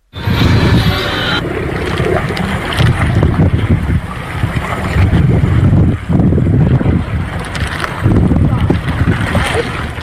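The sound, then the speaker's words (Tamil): Strong wind roars over a small traditional country fishing boat at sea in the Arabian Sea, where a fisherman from a capsized boat is rescued by Kanyakumari fishermen. Steady loud rumbling, occasional splashes of water, and faint voices beneath the gusts. “இதனிடையே அரபிக்கடலில் நாட்டு படகு கவிழ்ந்து படகின் மேல் அமர்ந்தபடி உயிருக்கு போராடிய மீனவரை கன்னியாகுமரி மீனவர்கள் மீட்டு தேங்காய்பட்டணம் துறைமுகத்திற்கு அழைத்து வந்தனர்.”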